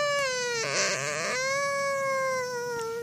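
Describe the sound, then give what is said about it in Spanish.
A person imitates a drowsy cat's meow: one long, drawn-out, whiny tone with a steady pitch that sags slightly, roughening into a strained, sobbing quaver midway, held for about three seconds. “Es el de sueño. ¿Cuál es el de sueño?”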